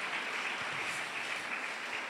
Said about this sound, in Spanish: ¿Y cuánto le damos ese fuerte aplauso a nuestro Rey Celestial?